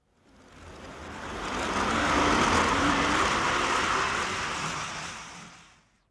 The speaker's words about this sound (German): Der Zug ist wieder zurückgefahren und allem Anschein nach auch wieder gleichmäßig beschleunigt. In der Tat sah es so aus und doch stimmt etwas nicht.